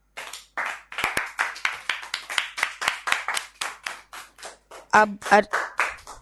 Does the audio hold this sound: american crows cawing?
no